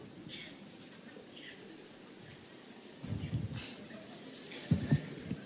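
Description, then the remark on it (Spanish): A crowd claps one finger against another finger as hard as they can, making a steady, faint pattering that imitates light rain starting to fall on the countryside, with a couple of brief louder swells toward the end. “Aplaudan con un dedo contra otro dedo, lo más fuerte que puedan, así.”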